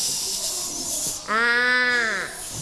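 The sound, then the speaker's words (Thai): A child mimics water running into a bucket, filling two buckets in a pretend clothes-washing activity, first with a steady breathy hiss of about a second, then a louder sustained voiced tone that wavers slightly before fading. “เอาน้ำใส่ถังครับ ใส่กี่ถังคะ สองถัง สองถังเปิดน้ำได้เลยทำเสียงด้วยค่ะ”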